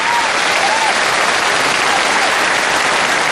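thunderous audience applause

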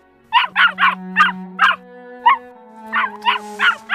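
dog barking

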